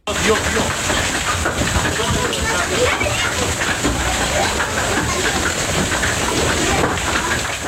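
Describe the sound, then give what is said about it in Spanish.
A hailstorm pours down on La Jauca, near Híjate, in the north of the province of Almería, around 7:30 in the evening, dropping large hailstones. A dense, unbroken roar of pelting and hissing stays loud and even for the whole stretch, with faint sharper hits scattered through the din. “Así sonaba ayer la tormenta que sorprendió el norte de la provincia de Almería.”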